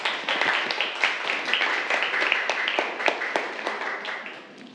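A group of students in a class clapping their hands for a classmate in steady applause, many overlapping sharp claps forming a dense, even patter for several seconds with no one speaking.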